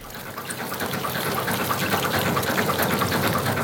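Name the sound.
fast-flowing river water rushing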